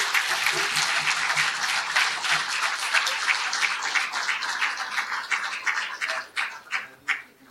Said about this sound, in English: So please welcome Professor Ilan Pappe on his address on The Promised Land as Political Project, Deconstructing the Myth of the Greater Israel Vision. Ladies and gentlemen, round of applause for Professor Ilan.